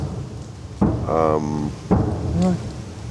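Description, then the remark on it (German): Two dull, rumbling booms about a second apart, each followed by a lingering roll, with a voice speaking over them; Ukrainian anti-aircraft gunfire. “Das ist Abwehrflak, alles gut.”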